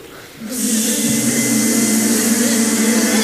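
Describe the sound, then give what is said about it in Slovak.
Choirs use their mouths to imitate the atmosphere of a beehive, humming a steady, dense buzz that swells in loudly after a brief quiet start and holds a sustained low drone with a hissy, airy top. “takže nepotrebujeme nosiť žiadne úle do tohoto miesta, ale atmosféru úľa si vytvoríme pomocou našich úst.”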